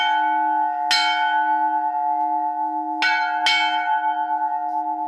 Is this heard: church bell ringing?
yes